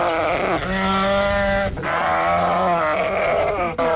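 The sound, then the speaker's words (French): Several sheep bleat loudly, their wavering calls overlapping continuously for a few seconds, with brief gaps between bursts and a busy outdoor background, at a quiet sheep sale point in the HLM park opposite Ecoloban the day after Tabaski, where unsold sheep remain. “Lendemain Tabaski très calme dans les points de vente de moutons.”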